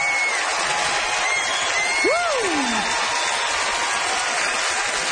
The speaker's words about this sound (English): Listen to that crowd for the hometown, boy!